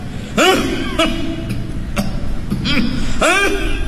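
A run of about four or five harsh coughs in quick succession, some throaty and voiced, with brief gaps between them over a steady background murmur.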